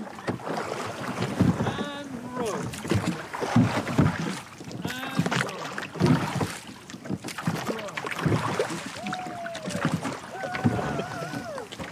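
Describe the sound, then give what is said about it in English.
Oars of a rowing skiff on Loch Tay dip and pull through water in a steady rhythm, one stroke about every two seconds, with wind buffeting the microphone and faint voices calling over the splashing. “So I met up with Loch Tay Skiff Club, and they were kind enough to let me out on the boat where they're out for a row. OK, ready to row, and row.”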